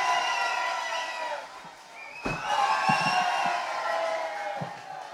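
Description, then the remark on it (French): An audience cheers, whoops and applauds a male performer loudly, voices blending into a sustained roar with a sharp thump partway through and scattered claps underneath. “Mais applaudissez-le!”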